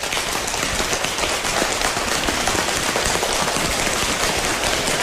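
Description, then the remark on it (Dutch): Many hands rapidly slap thighs in a dense, steady patter in a group exercise imitating heavy rain, tapping faster as the rain is meant to get harder. The loud, crackling drumming barely varies across the whole stretch, with no voices. “Het gaat harder regenen, dus we gaan steeds sneller op onze benen staan.”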